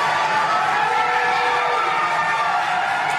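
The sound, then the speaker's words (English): A crowd of McKinney residents filling two big rooms at a city meeting makes a steady, loud roar of many overlapping voices and noise, holding at an even level for the whole few seconds with no single speaker standing out. “Yeah, you heard the crowd.”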